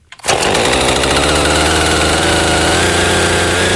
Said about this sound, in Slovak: Kúpeľným parkom, ktorý býva oázou pokoja a spevu vtákov, sa dnes ozýval zvuk pílí. Tá sa postupne zarezávala do prvých stromov